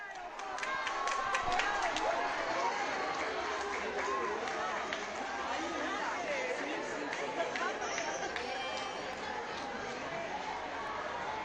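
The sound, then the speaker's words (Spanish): A large crowd of consecrated religious working on the islands cheers and chatters joyfully during a meeting with the Pope, in a dense, steady roar of overlapping voices, with scattered sharp claps early on, holding at a fairly loud level for the whole stretch. “También estamos escuchando ese el grito, el gozo de la vida consagrada que trabaja en estas islas.”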